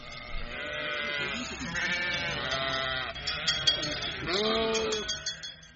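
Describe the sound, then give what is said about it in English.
A flock of hungry sheep in a Polish city bleats loudly and almost continuously, several wavering calls overlapping, with faint metallic bell clinks in the background near the end. “Also later on in our magazine, hungry sheep take over mount duties in Polish cities.”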